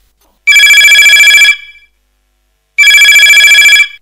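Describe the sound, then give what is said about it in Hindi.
A telephone rings twice with the first caller's call to a phone-in folk song program, each burst about a second long of bright, rapidly trilling bell tones, separated by a pause of silence. Loud and alone, with no voices. “कछु देरी नहीं है, अपन लेते हैं जो पहलो फोन।”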